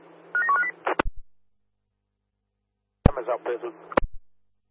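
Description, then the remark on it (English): A quick run of short electronic telephone signalling tones over a humming railway radio channel in Perth, as a phone call is put through to Claremont, cut off by a squelch click; after a pause, a brief garbled transmission with a voice crackles through. “Up there, Claremont, the CSA 67 is calling you on the phone.”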